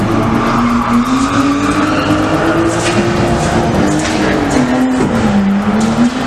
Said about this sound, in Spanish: Este sonido, o alguno parecido, el de carreras ilegales que no dejan de crecer en la capital pacense.